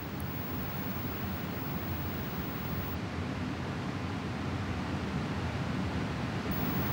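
A steady, unbroken hiss of steam as sulfuric acid draws water out of household sugar in a glass beaker, the water escaping as vapour, holding an even, moderate level for the whole stretch with no voices over it.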